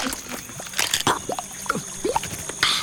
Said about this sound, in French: Oh, il vient de croquer une bestiole. Hylonomus est un reptile insectivore. Ses mâchoires inférieures portent une 40aine de dents longues et pointues. Il faut bien ça pour croquer la carapace rigide